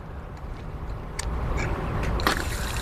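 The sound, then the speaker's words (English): Water gushes steadily from an outdoor maintenance spigot on a building, opened with a Silcock key, a continuous splashing rush that grows a little louder partway through, with a few brief clanks over the flow. “And now we have water.”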